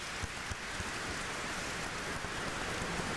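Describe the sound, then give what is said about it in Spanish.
Steady, dense applause for the Pope from a crowd, the prior of the Order of Saint Augustine among them, in the Basilica of San Pietro in Ciel d'Oro, a continuous patter of many hands clapping at even loudness throughout, with no voices heard. “El mismo prior deja el discurso un momento para aplaudir al Papa.”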